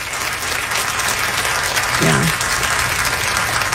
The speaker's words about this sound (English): Yeah. We should all clap. Yeah.